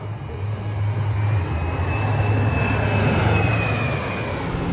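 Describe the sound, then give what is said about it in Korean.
A loud, steady roar of aerobatic jet aircraft engines flying in a diamond formation fills the whole span, with a low rumbling drone and a thin high whine sliding slightly in pitch as the formation passes. No one speaks. “단단한 팀워크를 상징하는 다이아몬드 대형입니다.”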